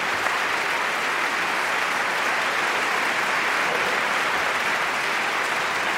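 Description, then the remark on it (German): Steady, dense audience applause at the opera fills the whole stretch, many hands clapping at once in a sustained, even wash of sound with no voices standing out, given as extra applause for children. “Kinder bekommen heute mal einen extra Applaus.”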